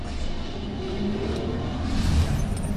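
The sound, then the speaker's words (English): The stock-standard engine of a 1977 Holden Torana idles quietly, a steady, even low rumble with no revving and no one speaking. “Now, well, this is stock standard, so if you put your microphone close to the engine, you'll hear nothing.”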